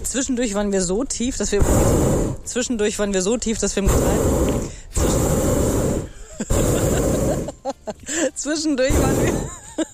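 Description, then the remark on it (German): Loud, steady blasts of the gas flame burner under a hot air balloon in flight near La Bö roar in several bursts of a second or so each, alternating with a person talking between them. “Aber wir haben so ein bisschen unterschätzt, dass eben diese Gasflamme unterm Ballon auch immer voll in die Sendung reinballert.”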